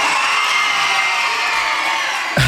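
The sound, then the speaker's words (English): A loud, dense wash of schoolchildren screaming and cheering in elation as their school is announced the winner for its performance, sustained without pause like a whole crowd erupting at once, with a brief thump near the end. “Honestly, the screams, they were elated.”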